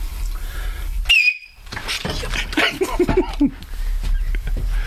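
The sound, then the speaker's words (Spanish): A sharp, loud, almost ultrasonic human whistle by a man into a microphone, one short blast that slides slightly downward in pitch, followed by muffled voices and shuffling noise. “Baja el micro, que va a silbar ….”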